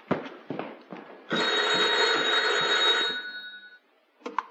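A few soft thumps, then a loud, metallic telephone bell rings in one sustained burst of about two seconds before cutting off, followed by a short pause and a brief clatter.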